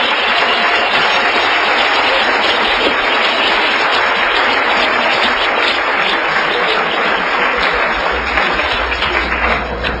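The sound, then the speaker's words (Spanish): An audience applauds in praise of the blessed King, many hands clapping in a dense, continuous wash that stays loud and steady for about ten seconds, with no voices rising above it. “Un aplauso al Rey bendito.”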